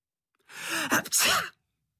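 A single loud, close sneeze: a quick sharp intake of breath followed by a forceful, breathy burst, then silence.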